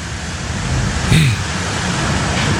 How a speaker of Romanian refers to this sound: Ce bate vântul, îi dă tare de tot acolo. Wow, serios.